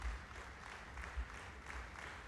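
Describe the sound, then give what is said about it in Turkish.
A concert audience applauds the performers steadily, a dense, continuous patter of many hands clapping, heard softly with no voices over it. “Alkışlar sürüyor.”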